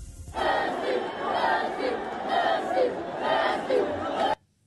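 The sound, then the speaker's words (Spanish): A large stadium crowd of home fans loudly chants "Messi" in unison at Cristiano Ronaldo, the massed voices rising and falling in a steady rhythmic pattern for about four seconds before cutting off abruptly. “a ver si podemos meter el audio del momento que Cristiano se calentó porque le gritaban Messi y respondió, a ver.”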